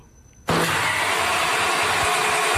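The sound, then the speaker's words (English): A car engine cranks loudly and steadily without catching, kicking in abruptly after a brief quiet moment and grinding on without a break. No voices are heard. “Mom, why is the car not working?”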